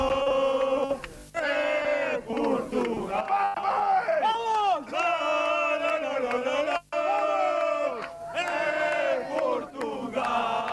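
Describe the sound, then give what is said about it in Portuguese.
A crowd of Portuguese football fans chants loudly in unison for Portugal near where the national team is resting, belting out long sung phrases in repeated bursts separated by brief breaths, with shouts and cheering mixed into the singing. “em som da despedida, o grito dos adeptos que agora voltam a cantar por Portugal.”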